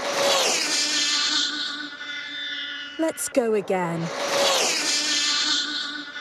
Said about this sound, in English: This is the world's fastest remote control car, achieving a new world record. 256.47. You do get a massive rush when you see your car flying past at over 200 miles per hour. It's ridiculous. It just looks amazing.